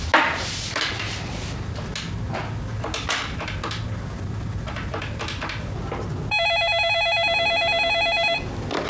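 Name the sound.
landline telephone ringing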